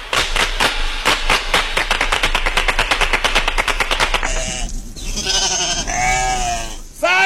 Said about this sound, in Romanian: Ăla nu e balaur, e oaie.